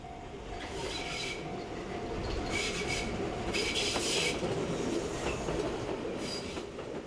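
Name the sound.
train passing on rails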